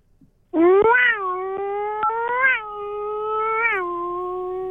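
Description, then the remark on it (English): A voice imitates a revving Formula One engine: one loud, nasal whine that climbs in pitch, holds steady and surges upward twice, sounding a little like a cat, over about four seconds. “Kind of like a Formula One and a bit of a cat as well.”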